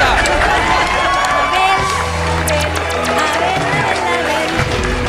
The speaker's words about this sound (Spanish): Y esa es una respuesta ¡Correcto! ¡Aplauso enorme!